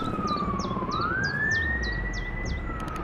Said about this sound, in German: Gestern haben wir bemerkt, dass etwas passiert. Die Sirenen begannen zu heulen.